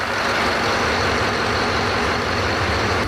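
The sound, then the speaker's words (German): The bow thruster motor of the ferry Frisia 6 at sea, used to push the bow to starboard or port, runs with a loud, steady roar, a dense rumbling drone that holds constant throughout without pauses or voices. “Dieser Motor ist gar nicht der große Motor, ne? Sondern? Nein, das ist unser Bugstrahlrudermotor.”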